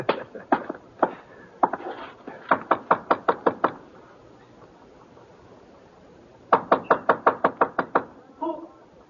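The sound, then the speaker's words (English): Loud knocking on a wooden door: a few scattered knocks, then a rapid run of about seven raps, a pause of silence, and another quick series of about eight. “Well, opening the door might be one way of finding out.”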